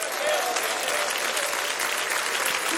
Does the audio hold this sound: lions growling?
no